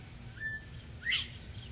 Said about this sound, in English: I took some evening walks in the night times and heard a lot of common nighthawks, but that's a bobwhite quail. Oh, and they are cute.